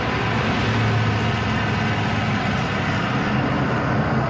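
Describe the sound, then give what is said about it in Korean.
A truck loaded with goods drives out of a warehouse, its engine roaring loud and steady, a heavy motor droning with a broad, rough texture and no voices over it. “한목진의 트럭이 창고를 빠져나가고 있을 때 장사꾼들에게서 달마다 관리세로 상납금을 받아가는 건달 두목 셋째가 멀어져가는 트럭을 요심히 쳐다본다.”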